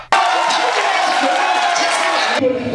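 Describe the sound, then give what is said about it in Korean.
A dense crowd of South Korean football fans roars and cheers loudly and steadily for a couple of seconds, enveloping, then the noise cuts off abruptly. The fans are street-cheering in red at a traditional market for the national team's dramatic win. “전통시장 한쪽도 붉은 함성으로 가득 찼습니다.”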